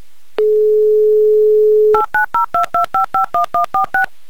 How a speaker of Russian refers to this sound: Итак, набираю ваш номер.